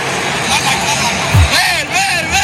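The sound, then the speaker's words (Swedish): A football stadium crowd at a Norway team match murmurs and roars steadily, with a single deep drumbeat thumping once midway through, the signal for the whole crowd and team to row like Vikings, and voices rising and falling above the noise. “Och så de slår på trumman och då låter det så här.”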